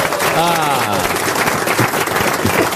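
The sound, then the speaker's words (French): An audience bursts into loud, dense applause that holds steady for a few seconds, with a brief vocal cheer rising over the clapping near the start. “qui a compris par applaudissement?”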